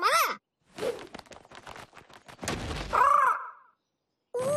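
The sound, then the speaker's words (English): A bird called Big Birdie caws three times, harsh, with scratchy, fluttering noise between the calls like wings flapping or something brushing past. “I think it's trying to tell us something. Let's follow it.”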